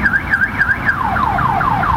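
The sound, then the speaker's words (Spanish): A car alarm blares steadily for more than half an hour at night, its piercing tone first warbling rapidly and then switching to a repeating series of falling sweeps, loud and with no voices present. “Desde hace más de media hora suena la alarma y nos siguió enviando. El carro que suena.”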